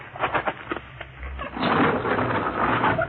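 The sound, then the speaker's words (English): A few clanking mechanical knocks, then the heavy door of a refrigerated railway car on a train grinds and rumbles open in a long, loud scraping slide, with no voices. “Here, this is the car we're using this trip. Refrigerated car. How cold it gets in there, baby? Cold enough to freeze him. I'll open the door.”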